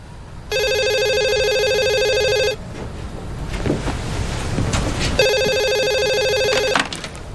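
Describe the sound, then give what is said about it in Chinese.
A telephone rings twice in long, steady electronic bursts separated by a pause, loud, with a rough rushing background noise filling the gap between rings; the call is from Mingzhong. “哎，妈，是明忠的电话”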